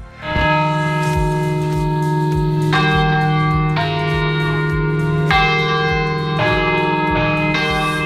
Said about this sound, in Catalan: És un quart de cinc de la tarda, en punt. Algú ha sentit a sonar campanes, però potser no saben d'on venen, del campanar.